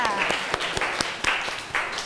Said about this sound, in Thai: โอเคค่ะขอเสียงปรบมือให้เพื่อนจากกลุ่มที่3ค่ะ